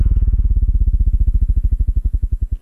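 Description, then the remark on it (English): A motorcycle engine in a Minnesota Department of Public Safety motorcycle awareness message chugs alone with a loud, low, rapid pulsing beat that gradually slows and grows more uneven toward the end, like a throttle easing off. “That's a motorcyclist, and you're the driver of that big truck.”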